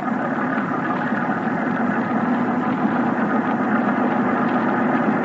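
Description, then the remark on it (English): A motor torpedo boat's engine runs at a steady, loud, continuous roar, a dense rumbling drone with no change in pace and no voices over it. “It could be a Thornycroft MTB.”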